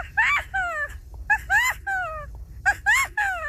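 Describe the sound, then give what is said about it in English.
A 12-year-old child imitates bird calls with high, squeaky whistled cries in three quick bursts. Each burst holds two or three rising-then-falling notes, fairly loud, with short pauses between. “Bird calls by 12-year-old”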